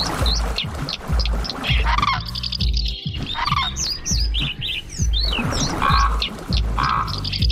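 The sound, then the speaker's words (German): A busy mix of bird calls from common raven, crane, house martin, pied flycatcher and dipper: deep rhythmic croaks underneath, with bright chirps, twitters and whistled notes overlapping steadily throughout, fairly loud, with no talking. “Sie hörten den Kolkraben, den Kranich, die Mehlschwalbe, den Trauerschnäpper und die Wasseramsel.”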